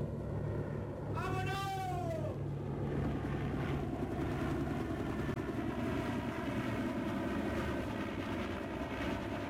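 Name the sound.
helicopter lifting off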